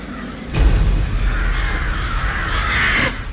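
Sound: flock of crows cawing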